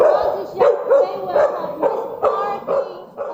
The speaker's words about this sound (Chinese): 好，再来，我们狗狗的话，其实它没办法跟人对话，所以它遇到受困者的话，它用吠叫的方式表达它已经找到的受困者。